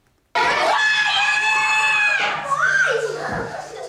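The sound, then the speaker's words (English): A recording of a woman shouting is played back: a sustained, extremely loud shout that begins abruptly and holds at full strength for several seconds, strained and piercing, then wavers slightly near the end. “We're just going to play you shouting it one more time so you don't have to do it live for us on air.”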